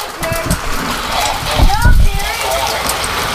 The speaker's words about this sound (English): All right. First of all, that's hail. That's hail. Go look at real quick. That's hail. That's pea-sized hail. We got pea-sized hail.